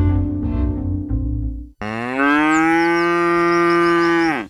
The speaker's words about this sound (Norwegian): Det der var lyden av en ku på utmarksbeite.